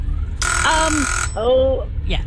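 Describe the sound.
A loud, harsh game-show buzzer from a quiz timer blares for just under a second. Voices talk over it and continue briefly after it cuts off.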